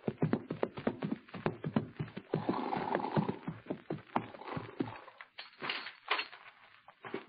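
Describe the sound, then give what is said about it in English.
Two horses ride up to the door of Mort Robertson's ranch house on Clear Creek with a steady, rhythmic clip-clop of hooves, fairly loud, then the hoofbeats slow and thin out into scattered shuffling and snorting noises. “It's only a few minutes after the meeting on the plane that Hoppy and the kid ride up to the door of Mort Robertson's ranch house on Clear Creek.”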